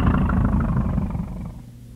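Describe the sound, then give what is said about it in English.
A camel, being lifted out of bad sand with ropes, lets out a deep, rough, drawn-out bellowing cry of fear, not hurt, that starts loud and gradually tapers off over about two seconds, with no voices. “Mr. Camel, he is crying some fear, not hurt.”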